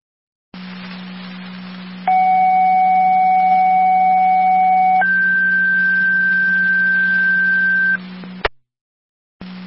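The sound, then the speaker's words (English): A fire dispatch radio pager alert from American Fire Control: additional tones for Tri Community Unit 1, requesting a driver to the hall for an EMS call. A steady tone holds for about three seconds, then shifts to a higher steady tone for three more, over a constant low hum and hiss, ending with a sharp click. “American Fire Control, Tri Community, additional tones for Unit 1, driver requested to the hall for the EMS call with Deacon.”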